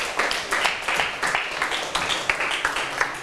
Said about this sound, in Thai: ถูกต้องครับเก่งมากปรบมือเพื่อนๆหน่อยครับ